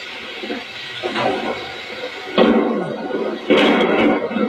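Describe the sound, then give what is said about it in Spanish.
Thunder following a lightning flash, recorded at night from a window with a small recorder, rumbles steadily with a rough, noisy roar, swelling sharply twice into louder rolling bursts before trailing on; no voices are heard. “O sea, el relámpago y ahora viene el trueno.”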